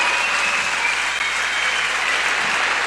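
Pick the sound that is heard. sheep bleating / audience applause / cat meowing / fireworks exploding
audience applause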